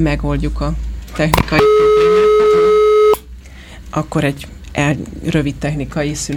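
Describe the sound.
A steady electronic telephone tone sounds for about a second and a half as a dropped phone line to a guest is redialed during a Hungarian-language broadcast. A loud, unbroken two-pitched hum is set between stretches of a man talking.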